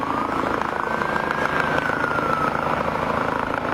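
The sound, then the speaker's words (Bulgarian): An air ambulance helicopter arrives at a square during an earthquake rescue exercise, roaring steadily with a dense, churning rotor wash and engine drone, a thin whining tone sliding slowly over the top; no voices are heard. “Пристигна и въздушна линейка.”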